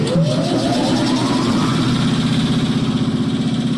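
A sandblasting machine in a closet is switched on to sandblast a stencil, its motor whining upward in pitch before settling into a loud, steady, pulsing mechanical drone with a hissing rush over it. No one speaks.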